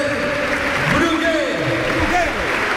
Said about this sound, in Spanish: Evidentemente hay la ovación del Ciutat, que grita Brugui, Brugui, a uno de sus capitanes, que se retira ovacionado.